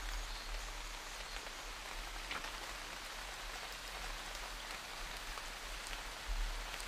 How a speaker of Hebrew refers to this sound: נראה לי שהיום ככה לכבוד החורף שהגיע, אנחנו ככה נתחבר לצלילים של הגשם. הגשם נורא נורא נורא מרגיע, אז נשים לנו קצת צלילים של גשם.